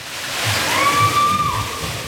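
Steady, fairly loud rushing water at the Aqualuna thermal water park on a sultry July day fills the whole clip with a broad hiss and low sloshing, and a thin high-pitched tone briefly rises above it midway.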